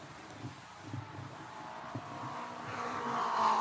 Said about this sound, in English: Yes, I see Billy moving out. He's in his car, and his car is running. He's coming down the front straightaway. He may have to make a mandatory pit stop, but he is moving, I believe.